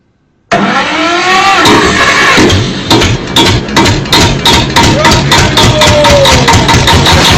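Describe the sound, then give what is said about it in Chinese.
After brief silence, a BYD car engine starts abruptly and loudly, then settles into a rough idle with regular knocking pulses and a faint whining tone rising and falling. No voices. “这个发动机的热效率还行吗？”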